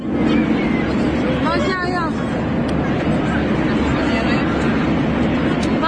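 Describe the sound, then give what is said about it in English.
A loud, continuous din of many overlapping passenger voices fills an airplane cabin over a steady low engine rumble as the plane takes a rapid plunge, on a flight that later made an unscheduled landing in Saudi Arabia. A few raised, strained cries rise briefly above the crowd, with a distressed woman saying in Hebrew, "What is going on?" “This is said to be the moment the plane took a rapid plunge.”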